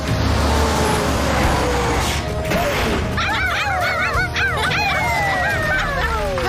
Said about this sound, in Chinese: 我还听到别的声音，是汪汪巡逻车，他们正好来帮忙。